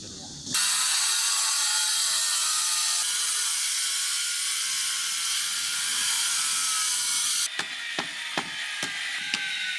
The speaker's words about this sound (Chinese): 经过2个小时的切割、敲打与反复打磨，这块子母石终于接近了可作画的理想形状。